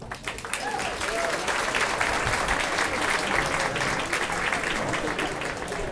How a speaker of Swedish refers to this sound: Ja, de här applåderna har alltså … fått direkt i jazzradion härifrån Jazzklubb Fasching i Stockholm.